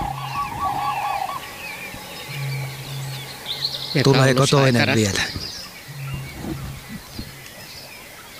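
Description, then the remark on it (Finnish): A loud burst of common crane calls, a rolling, trumpeting bugle lasting about a second, rings out mid-clip. Someone speaks quietly beforehand, with faint birdsong and a low steady hum underneath. “Ja se on hauska konsertti tässä koko ajan taustalla, tämä viitasammakoiden, mutta olipa komeet kurje.”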